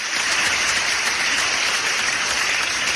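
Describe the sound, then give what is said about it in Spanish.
Steady, dense welcome applause from a crowd fills the whole stretch, many hands clapping at once in a continuous wash of sound, fairly loud, with no voices standing out. “¿Qué les parece si le damos un aplauso de bienvenida?”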